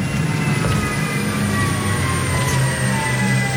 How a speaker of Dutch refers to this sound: Ja, we rijden nu in een elektrische vrachtwagen en nou ja, dat hoor je eigenlijk niet eens zo heel goed als ik zo stil ben.